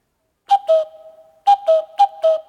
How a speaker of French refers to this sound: Oh ! Le coucou ! Où est-ce qu'il se cache ? Qu'est-ce qu'il fait ?